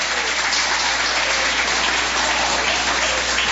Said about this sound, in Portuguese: Tem palmas? Pode glorificar Jesus. É para Jesus, não é para mim.